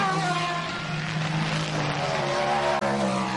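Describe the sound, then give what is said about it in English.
A pack of prototype race cars roars past the start-finish line, a dense blend of high-revving engines with harmonic whines that shift in pitch as they go by, loud and continuous throughout. “And here comes the hordes of prototypes as well, down at the start-finish line.”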